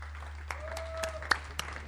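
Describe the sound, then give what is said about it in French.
A handful of scattered claps applauding an interviewee at the close of a video-call interview, roughly six sharp slaps spaced unevenly over two seconds, sounding thin rather than like a full crowd, over a steady low hum. “On va t'applaudir.”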